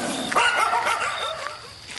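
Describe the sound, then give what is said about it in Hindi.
Several dogs bark repeatedly in quick, overlapping bursts, loud, with a yelp or two mixed in and no speech over them. “ये तो कुत्तों की रिश्वत है मुंह बंद करने के लिए, कुत्ता सारे भौंभाव करते रहते हैं।”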